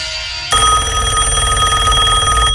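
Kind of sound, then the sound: signal or alarm, telephone ringing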